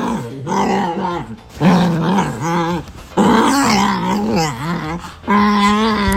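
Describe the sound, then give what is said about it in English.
A dog produces a run of strange, warbling growls and groaning howls, several drawn-out vocalizations with wavering pitch, fairly loud, separated by brief pauses. “Smudge makes some of the weirdest sounds you would ever hear come out of a dog”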